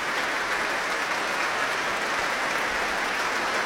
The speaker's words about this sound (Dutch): Het werd hier gespeeld door het Concertgebouworkest onder leiding van Klaus Mekkelen. En een staande ovatie hier in de grote zaal van het Concertgebouw in Amsterdam.